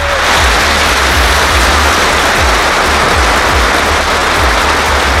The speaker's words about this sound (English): Middlesbrough fans have held a minute's applause to pay tribute to two police officers killed in a head-on collision last weekend.